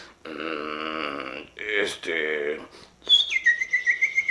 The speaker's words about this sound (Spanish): Oigo pajaritos.